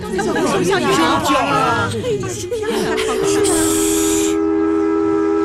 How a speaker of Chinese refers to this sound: 你们听，小火车又鸣笛啦。